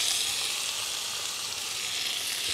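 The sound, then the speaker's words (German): Tomatoes sizzle steadily in a frying pan, a constant bright hiss and crackle that holds an even loudness throughout, with no talking. “Dann diese leckeren Tomaten dazu.”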